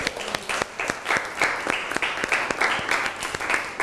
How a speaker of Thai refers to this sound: ปรบมือให้เพื่อนหน่อยครับ